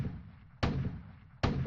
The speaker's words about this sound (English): What would Daddy make this time? It's a cannon. 3, 2, 1, 0.